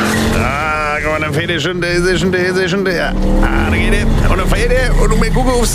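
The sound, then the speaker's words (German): A DeLorean car engine starts up and revs into a steady low rumble, with loud, wavering tire screeches rising and falling over it, prominent throughout. “Na, gucken wir, ob der Motor läuft, weil dann machen wir wieder eine Chart-History zusammen, ihr Lieben.”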